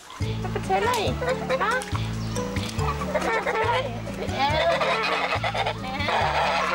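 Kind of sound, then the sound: bird, geese honking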